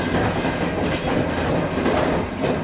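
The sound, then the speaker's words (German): A train rolls steadily along the rails with a dense, continuous rumble, its wheels giving off a faint rhythmic clickety-clack. Fairly loud, with no voices. “Nach dem Mauerfall ging es dann mit dem Zug über Budapest nach Griechenland.”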